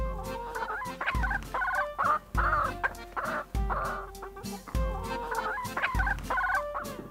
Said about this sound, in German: Und die beiden haben sich auf Hühner geeinigt. Jedes der Hühner ist von einer anderen Rasse.